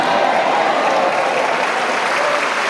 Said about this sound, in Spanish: Dale ese aplauso bien fuerte.